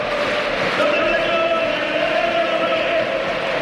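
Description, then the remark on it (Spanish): A packed football stadium roars continuously during Betis versus Osasuna at 4-2 to Betis, as fans give an ovation for a Betis substitution with Rodrigo Riquelme leaving; a dense wash of crowd noise with cheering and applause swelling throughout, loud and steady with no individual voices standing out. “Para que oigáis todo el ambiente, las luces de los móviles que se encienden. Y ahí está el cambio del Betis y la ovación.”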